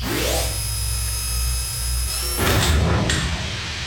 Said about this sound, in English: All set? Uh-huh. Okay, I'm going to close the door.